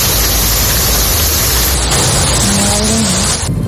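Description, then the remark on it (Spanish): A steady, loud roar of torrential rain pours down without letup in Cartagena, Murcia, Spain, a dense hiss filling every register, with a faint low tonal hum surfacing briefly near the end. “Así ha llovido en Cartagena, en Murcia, donde ya se ha desactivado el aviso rojo por fuertes precipitaciones, aunque sigue el riesgo.”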